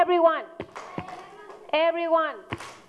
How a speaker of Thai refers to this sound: โอเคทีนี้ประเดี๋ยว everyone ตบมือค่ะ